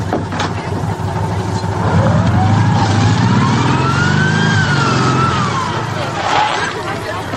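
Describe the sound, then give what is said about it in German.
A car arrives loudly, bringing someone, a wailing siren rising and falling over a steady low engine rumble for several seconds. “Mein Vater war fast mit dem Auto da zusammengestoßen, das gerade kommt.”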